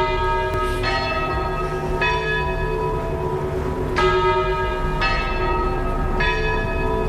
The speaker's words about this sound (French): L'accueil avec le son des cloches.